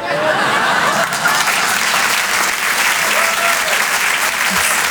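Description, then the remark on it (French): Loud, sustained audience applause for a comedian at the Rire et Chanson Comedy Club fills the whole stretch, a dense steady wash of clapping from a large crowd with no pauses. “Vous pouvez l'applaudir très fort.”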